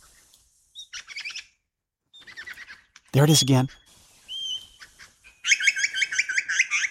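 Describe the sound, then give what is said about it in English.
A lyrebird mimics a pied butcherbird's liquid, melodious song, delivered in several short bright phrases that end in a rapid rippling run; a man speaks briefly midway. “Imitated again perfectly by this lyrebird. There, one of the many melodious liquid song phrases of the pied butcher bird.”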